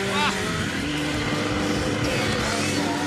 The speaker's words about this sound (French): Ça me vibre un peu entre les jambes. C'est parfait. On est en communion avec la moto, quoi.